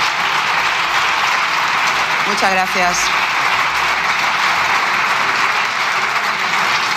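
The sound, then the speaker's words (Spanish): Sustained applause from deputies in a parliament chamber, dense and steady for the whole stretch, with one voice briefly speaking over it partway through. “Ha cogido gusto aplaudir los diputados en esa cámara últimamente, ¿eh?”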